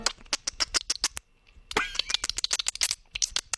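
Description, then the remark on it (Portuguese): A person mimics dolphin sounds with their mouth: rapid bursts of sharp clicks, a short pause, then a squeaky whistling chirp followed by more quick clicking, fairly loud. “Ele tá fazendo o barulho do golfinho com a boca, gente.”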